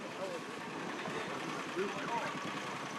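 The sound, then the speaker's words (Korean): A boat engine idles in a steady, continuous rumble throughout, even in loudness, with faint indistinct voices in the background, on a boat that gives a 30-minute tour around a great Buddha statue. “대불상을 감상하는 또 다른 방법. 보트를 타고요, 돌아보기로 했습니다.”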